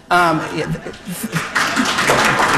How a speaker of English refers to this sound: I think that's a round of applause.